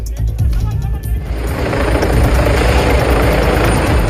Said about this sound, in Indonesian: Helikopter ambulans udara mendarat di Trafalgar Square, London, Rabu 5 Agustus. Petugas medis dikerahkan setelah 4 pria ditikam di Endell Street dekat kawasan Covent Garden.